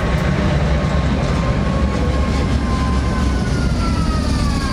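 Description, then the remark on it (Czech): A special tram that carries passengers on line 22 rolls past, with a loud, steady rumble of wheels on rails and thin metallic squeals rising and falling over it throughout. “Do konce letošního roku bude tramvaj vozit cestující na lince 22.”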